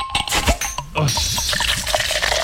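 A cold drink is opened with a few sharp bursts, then poured in a steady, fizzy splashing stream that runs on at an even, fairly loud level.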